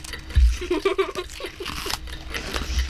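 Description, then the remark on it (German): Crisp, crackly crunching of dry food being chewed, a rapid series of sharp snaps and rustles at moderate loudness, with a brief murmur of voice mixed in early on. “Mega krachen. Ich kann es nur noch knuspern.”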